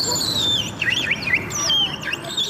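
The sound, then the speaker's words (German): A person whistles an imitation of the song of a willow warbler, a small yellow-grey bird, before an audience: a cascade of thin, high descending notes and quick slurred phrases over a steady murmur of background noise. “Und hier die Imitation.”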